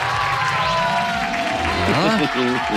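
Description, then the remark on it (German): A crowd cheers and applauds loudly and steadily, with excited voices whooping over a dense wash of clapping that holds at full strength throughout. “Da ist schon der Jubel.”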